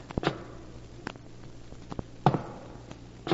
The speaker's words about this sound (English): Then one night I heard footsteps above me in the tower.